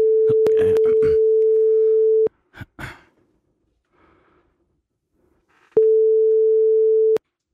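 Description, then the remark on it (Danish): A telephone ringback tone sounds twice while a phone call is being placed, each a steady, fairly loud hum lasting a second or two, separated by a few seconds of near silence, with some faint breathing and a brief sound in between. “Så ringer vi.”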